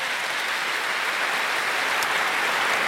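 Steady audience applause, a dense wash of many hands clapping at an even, moderately loud level throughout, with no voices standing out.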